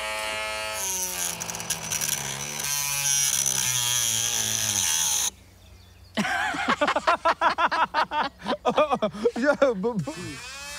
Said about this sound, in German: Kannst du keinen Akkuschrauber jetzt halten?